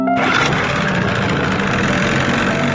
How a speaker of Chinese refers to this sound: 不断变化船只马力大小，形成不规则噪音，同时连续不断地敲击竹竿，制造水下声强，直到确认1500米视线范围内没有中华白海豚